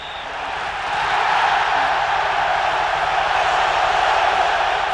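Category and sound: crowd, stadium crowd cheering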